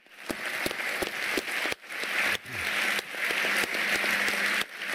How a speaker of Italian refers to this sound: e il grande applauso a Finn Kristallhage, che anche lui ci ha lasciato pochi anni fa.